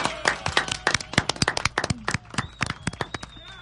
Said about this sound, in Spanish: Fuerte el aplauso